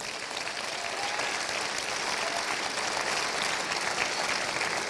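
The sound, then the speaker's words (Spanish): An audience at a sermon applauds for God, the King, steadily for about five seconds, a dense, sustained wash of clapping from many hands at an even, fairly loud level, with no voices standing out. “Denle el aplauso al Rey.”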